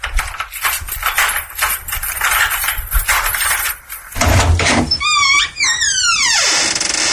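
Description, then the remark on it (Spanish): Rapid, insistent knocking on a door, a quick series of loud raps for about four seconds, followed by a low thud and a string of descending whistling tones. “Voy a apuntar a la puerta. ¡Que es de fogueo! Pero el que está llamando no lo sabe.”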